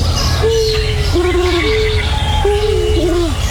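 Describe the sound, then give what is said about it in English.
Doves coo in a series of low, hollow, wavering notes, several phrases that dip and swell in pitch, over a steady background hiss. “Ron had said the sound of doves cooing.”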